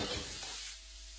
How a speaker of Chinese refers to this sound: 翁婿将分好的鸡块下锅，热油翻炒。待鸡肉中脂肪分解的油脂香气扑鼻时，立刻加水锁住香味儿。